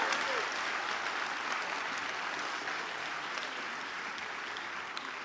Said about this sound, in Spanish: Así va a aplaudir, aplauda, venga.